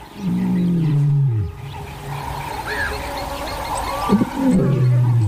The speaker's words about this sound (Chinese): 一阵低沉的咆哮从远处传来，佩福知道这是谁的叫声。